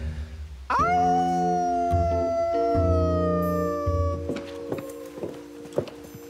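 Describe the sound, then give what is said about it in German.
Two or more people howl like wolves, long sustained wails that slide downward in pitch and overlap, with another voice joining partway through. Fairly loud, with no speech. “Das war jetzt nicht wirklich ein Wolf, oder? Nee, einer war es nicht. Es waren mindestens zwei.”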